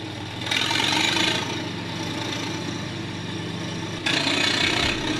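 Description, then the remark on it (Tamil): A vehicle loaded with household goods such as cots and tables runs steadily with a low, throbbing rumble on a road with goats walking along it. The noise swells louder and hissier for a moment early on and again near the end, and no one speaks. “தம்பி, வண்டிய பொறுமையா ஓட்டிட்டு போப்பா, பாதையில ஆடுக போயிட்டு இருக்கு பாரு.”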